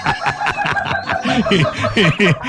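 A rooster sound effect of rapid, rhythmic clucking, loud, repeating steadily for a couple of seconds over a dense, bright background; the laughing rooster of the morning show on Radio 1, 93.9.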